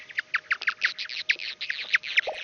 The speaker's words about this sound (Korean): 그래서 중간쯤 보면은 이 박쥐 소리 사이사이에 뭐가 하얀색이 뿌옇게 많이 있죠. 네네네. 나방 소리예요. 네. 네. 그래가지고 이 나방이 그 박쥐의 공격으로부터 피할 수가 있고.